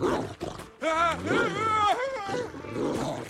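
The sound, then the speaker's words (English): A dog growls loudly, a deep, rising and falling snarl that rumbles on for a few seconds with brief pauses. “I really wouldn't point that at the dog.”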